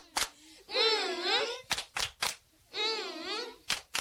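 An audience claps in short rhythmic bursts, a quick group of three sharp claps and a few single ones, alternating with long, wavering drawn-out vocal sounds.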